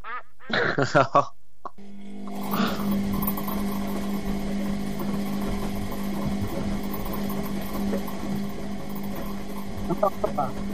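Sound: washing machine running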